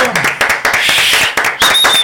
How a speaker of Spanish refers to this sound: ¡Increíble! ¡Fuerte aplauso!